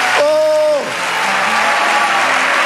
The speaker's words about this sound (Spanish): Ahora tenemos una nueva vida con Jesús. Vamos, darle ese aplauso.